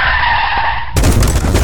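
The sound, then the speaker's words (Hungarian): A loud, sustained tire screech lasts nearly a second, then cuts into a harsh, crunching crash as a car pulling into a garage at 50 skids and slams into the garage door, with rattling noise continuing afterward. “Szívem, mondtam, hogy ne 50-nel állj be a garázsba. Ennek annyi.”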